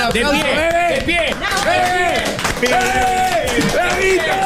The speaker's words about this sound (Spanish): Te podemos dar un aplauso grande.